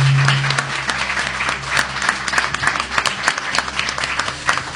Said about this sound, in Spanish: Bueno, pues eso, compartiendo con todos los amigos que han llegado hasta este lugar en Mucientes. Y sobre todo, yo quiero que nos reciban a todos los oyentes con un fuerte aplauso, porque tenemos un público estupendo.